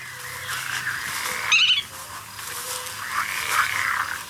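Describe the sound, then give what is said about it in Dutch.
A black-tailed godwit calls in the open, with nasal, drawn-out notes and a sharper, louder burst near the middle, all over a faint outdoor background. “Ja, dat is de grutto.”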